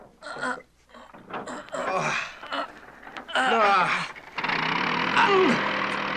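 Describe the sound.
After a few seconds of indistinct voice-like sounds, a flying machine's motor at Kitty Hawk, September 1903, kicks in abruptly during a test run before the propellers and shafts are attached, and keeps running with a steady, loud, buzzing whir, a faint whine sliding over it.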